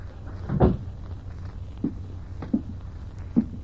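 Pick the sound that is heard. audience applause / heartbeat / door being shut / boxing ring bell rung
door being shut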